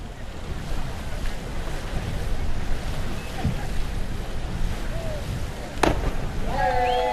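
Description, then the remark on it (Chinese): A single sharp splash of diver Carlson entering pool water from the platform after a forward three-somersault dive with a half twist cuts through a steady wash of ambient venue noise, followed by faint high whistling tones near the end. “虽然没有第一时间从侧方向来关注选手的入水角度，但是从水花的溅起方向来看啊，在垂直度方面还是出现了一些扣分的点。”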